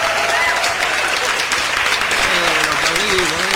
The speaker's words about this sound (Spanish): Mire, hasta aplauso para la bienvenida de un nuevo anunciante. Así lo recibe Radio Mercedes.